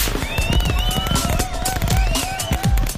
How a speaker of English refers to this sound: Get to Big Charlie's Fireworks and load up on enough fireworks to really impress your family.